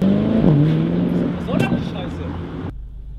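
A car engine runs loud, its pitch dipping early on, with a rushing roar that suggests the vehicle moving off before the sound cuts out abruptly.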